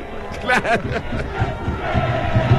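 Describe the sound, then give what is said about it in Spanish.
Rangers football fans shout together in a stadium in a dense, steady roar, with a few louder voiced cries rising out of the crowd early on before the noise settles into a continuous rumble. “Empezaron a gritar los hinchas de Rangers”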